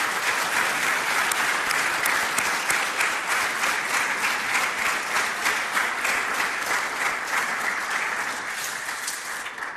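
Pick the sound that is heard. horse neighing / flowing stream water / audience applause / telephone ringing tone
audience applause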